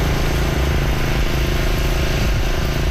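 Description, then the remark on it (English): Water pumps running at full power in Tofield, Alberta, about 65 kilometers east of Edmonton, after heavy rain pushed wastewater systems to capacity: a loud, steady mechanical drone with a low throbbing hum and constant rumble that never lets up, with no voices over it. “The pumps are going full tilt in the town about 65 kilometers east of Edmonton.”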